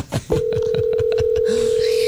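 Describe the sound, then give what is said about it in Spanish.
A brief burst of voices gives way to a steady, unbroken mid-pitched telephone tone as a radio show calls a listener back, holding to the end, with faint clicks and murmured talk underneath. “Sí, nos devolvió la llamada, pero con una... A ver, vamos a volverle a llamar.”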